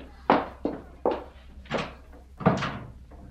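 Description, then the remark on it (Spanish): A string of firm wooden thuds, like a door being shut hard, nearly slammed, as a woman leaves, landing roughly every half second with a short knock after each, with no talking. “Y Elisa salió. No dio un portazo, aunque a mamá le sonó como tal.”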